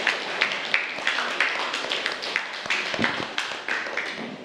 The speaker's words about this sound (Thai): ปรบมือให้เพื่อนกลุ่มที่5หน่อยค่ะ